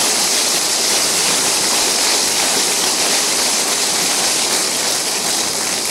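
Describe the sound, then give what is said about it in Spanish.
A crowd applauds in a dense, steady roar of clapping that stays loud and even for about six seconds, with no voices rising above it. “Dale otro aplauso.”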